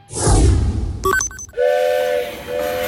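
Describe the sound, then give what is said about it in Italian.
A train whistle sounds with steady tonal blasts over the rumble of a departing train, preceded by a burst of hissing steam and a few sharp metallic clanks, all fairly loud. “Perdere il treno.”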